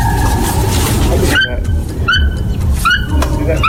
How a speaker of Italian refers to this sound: Poi prima far sentire quello originale. Ah, va bene. Non il vincitore, quello originale. Eccolo qua, il verso originale del marabù africano.